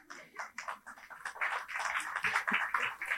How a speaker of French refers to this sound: On a applaudi timidement, vraiment.